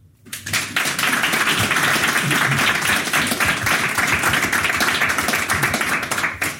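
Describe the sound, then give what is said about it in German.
A live audience at a literature festival in a small wine bar on the Aare in Solothurn breaks into steady applause, dense clapping from many hands that starts abruptly and holds at an even, loud level throughout, with no talking over it. “Der Applaus gilt natürlich nicht nur für mich und nicht nur für Sie, sondern auch für meine Gäste, die hier gerade neben mir sitzen.”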